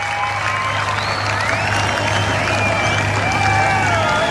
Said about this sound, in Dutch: En ondertussen roept het publiek: we want more. Dat is zo.